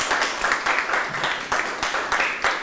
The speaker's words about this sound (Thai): เก่งมากปรบมือให้ตัวเองดังๆได้เลย